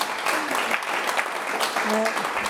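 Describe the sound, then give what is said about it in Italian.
A studio audience breaks into steady, dense applause for a couple of seconds, a continuous wash of clapping with a few voices calling out underneath. “Un applauso”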